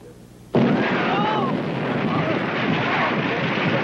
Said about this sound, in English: What's going on here? What is this? Explosion, Captain! Below deck! In your room! In your room!